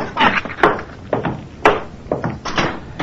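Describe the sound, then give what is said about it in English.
A door being shut, heard as a run of wooden clunks and knocks with one sharper thud partway through, fairly loud, with no voices. “would you close the door on your way out?”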